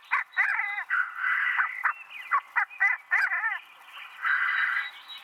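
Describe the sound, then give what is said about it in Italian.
Male black grouse calling at a lek in the mating season, with rival males competing in song for females. The sound is a continuous chorus of bubbling, cooing notes broken by sharp hissing bursts, with several birds overlapping and no one talking. “Dalle prime ore dell'alba, i maschi si radunano nelle arene di canto, dove si affrontano in epiche battaglie canore, talvolta anche fisiche, per conquistare le femmine e garantire la continuazione della specie.”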